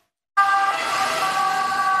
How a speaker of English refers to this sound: Emergency sirens have become an all-too-familiar sound during Europe's summers. Increasingly frequent, intense and prolonged heat waves are making scenes like this more common across different parts of the continent.